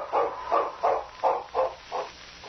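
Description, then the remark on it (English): King, a sled lead dog, barks six times in a steady, evenly spaced rhythm, each bark a short mid-pitched yelp of similar loudness, with no voices around it. “If the great lead dog could have talked, he would have told the sergeant a very important thing.”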